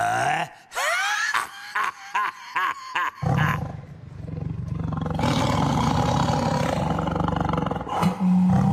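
An angry, hungry sabre-toothed tiger snarls in several short, rising growls, then lets out a long, loud, rumbling roar that carries on for seconds, fierce.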